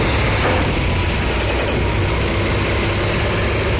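Heavy 18-wheeler truck engines idle steadily, a loud, continuous low rumble with a dense mechanical drone that holds level throughout, with no voices, as trucks deliver the America 250 Ferris wheel to the West Virginia Capitol grounds on Thursday morning.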